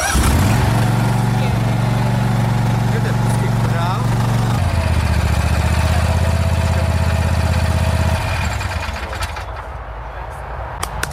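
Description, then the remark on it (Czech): A Vary RL102H garden lawn tractor, for regular grass mowing with a collection basket, is started with a key: the engine turns over and catches, then runs at a loud, steady idle, its pitch shifting midway before the motor drops off and quiets near the end. “Ano, takže jedná se o klasický zahradní traktůrek na pravidelné sečení trávy se sběrem do koše.”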